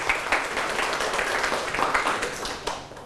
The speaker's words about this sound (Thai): ปรบมือให้กลุ่มที่2แล้วก็กลุ่มที่1ครับ